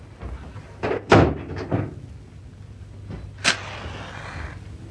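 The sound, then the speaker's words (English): A door swings and shuts with a few sharp knocks and a solid thud near the start, then a quieter click later, followed by faint room ambience. “Close the door and come and sit down, will you?”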